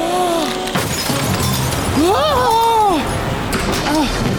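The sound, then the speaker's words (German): A glass pane of the Pontypendi lighthouse shatters during a storm with pouring rain: sharp, bright crashing bursts, set against a constant rushing noise and rising, falling vocal-like wails. “Plötzlich sieht Charlie, wie eine der Scheiben bricht.”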